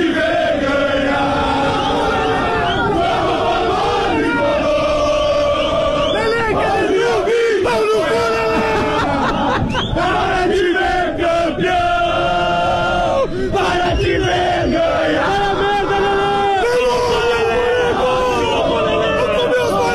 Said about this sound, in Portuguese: Torcida do Grêmio na arena, onde estamos com o nosso posto avançado para o Grenal